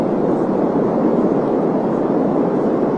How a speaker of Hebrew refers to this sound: רעש לבן, נכון, רעש לבן זה רעש, זה בעצם כל התדרים ביחד יוצרים רעש לבן. הנה, זה רעש לבן.